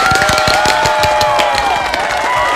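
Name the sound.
audience applause and cheering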